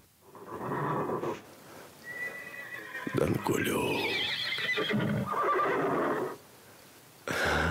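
A horse whinnies loudly on a deserted country road to Priozerye, a long shrill neigh that rises and wavers before breaking into shorter, throaty snorts and a final burst of sound.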